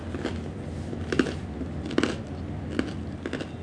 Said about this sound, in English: Oh, well, the bread is crunchy.